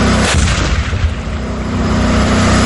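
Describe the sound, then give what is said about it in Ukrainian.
A 42-tonne modernized T-64 tank of the National Guard's 5th Slobozhanska Brigade 'Skif' fires its 125-mm cannon once during crew training in a rear area of the South Slobozhansky direction: a sudden, heavy boom, followed by a deep rolling rumble and a steady low engine drone. No one speaks. “Сьогодні штатні постріли зі штатної 125-мм гармати, плюс зі спареного кулемета,”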